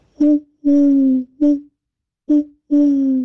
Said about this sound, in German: Ach, ist das eine schöne Eule.